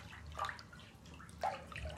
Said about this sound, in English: Here we are in the tub. Splish splash.